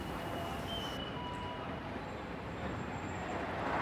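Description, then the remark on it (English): A tram and city traffic rumble past in a steady, loud wash of noise, with faint high metallic squeals from the rails and the roar swelling slightly toward the end. “Between the tram. The traffic.”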